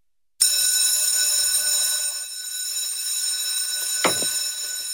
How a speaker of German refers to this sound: Wenn die Glocken im August also wieder durch die Waldner Schulzimmer dröhnt, heisst es für die Schüler wieder Handy weg.